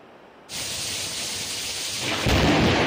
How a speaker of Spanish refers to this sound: Es la fuerte tromba de agua que ha caído en algunos municipios murcianos.